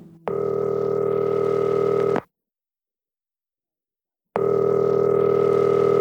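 A phone call placed from a jail in a small town rings on the other end: two long, steady electronic ring tones separated by a couple of seconds of silence, heard clearly with no one talking.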